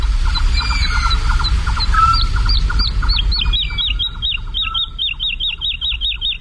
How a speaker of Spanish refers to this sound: Y la totovía está, es una alondra, la alondra de bosque, la totovía está volando arriba, aleteando frenéticamente y cantando. Es como si nosotros pudiéramos correr y cantar a la vez sin jadear.